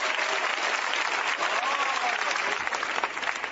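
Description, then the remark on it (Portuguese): An audience claps for Jesus during teaching for baptism, a dense wash of many hands applauding at an even, loud level throughout, with faint voices mixed into the crowd noise. “Pode bater as palmas para Jesus, meus irmãos.”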